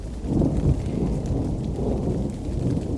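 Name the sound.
pouring rain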